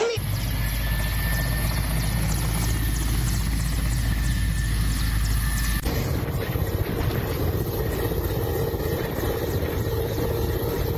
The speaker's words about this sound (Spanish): Aterrizó en un helicóptero de una empresa de emergencia en el distrito de Pinto Recodo. En el estadio San José.